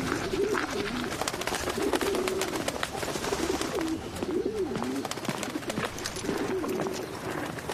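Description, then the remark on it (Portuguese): Several rock pigeons coo repeatedly in low, throaty rolling phrases, overlapping, over a steady outdoor background with faint rustling and pecking as they feed on an oat and grain mix at the edge of Central Park, where carriage horses are fed. “E a mistura de aveia e grãos é semelhante à dieta de um pombo das rochas.”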